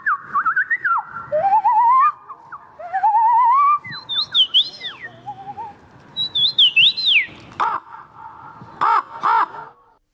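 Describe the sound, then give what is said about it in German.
A person imitates a wren's song, a steady run of whistled rising sweeps, warbling trills and sharp chirps lasting about ten seconds, fairly loud and with no talking. “Ich hätte nicht mal gewusst, wie ein Zaunkönig klingt.”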